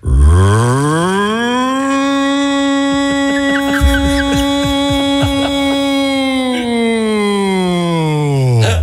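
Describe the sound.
A voice imitates an air raid siren: one long sustained tone rising at the start, holding steady for several seconds, then falling away at the end, loud and alone; the imitator has a slightly strained voice.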